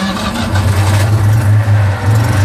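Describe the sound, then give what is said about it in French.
A Citroën 2CV engine runs with a loud, steady low-pitched drone, its throaty hum wavering slightly as it idles and revs gently, with no voices over it. “La de douche, le bruit de la de chevaux.”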